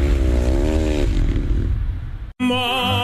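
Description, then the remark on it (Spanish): Loud 450 cc racing motorcycle engines rev and whine on a dirt oval track, pitch rising and falling, then cut off abruptly for a moment before another high-pitched engine roars back in. “450 centímetros cúbicos, velocidad y los mejores pilotos del mundo en un espectacular óvalo de tierra.”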